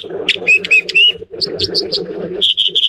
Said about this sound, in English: Now fluttering down off a little perch is the bird making that song. It's called the dipper or the water ouzel. Let's listen again.